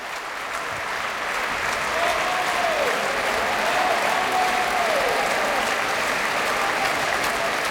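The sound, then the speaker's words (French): Sustained applause from a large concert audience after a performance of Berlioz's Requiem, applauding the tenor Penepati; a dense steady clatter of clapping that holds at an even loudness throughout, with a few faint tonal whistles or voices rising briefly above it. “Et de beaux applaudissements encore pour le ténor Penepati qui faisait une courte, brève, mais très belle apparition dans ce requiem, dans le Sanctus tout à l'heure.”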